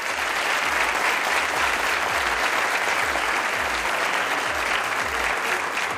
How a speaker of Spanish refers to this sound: Y les pido, por favor, pues que nos den un aplauso para recibir el programa.